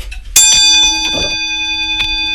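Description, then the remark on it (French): The small bell of a pendulum clock, made of airain, a bronze-like metal alloy, is struck once in a clock repair workshop and rings out clearly, its bright metallic tone hanging and slowly fading, with a faint knock near the end. “Et ça, c'est le carillon. Ça, c'est la cloche. Bonjour, on va écouter une petite cloche peut-être, parce que vous me faites signe.”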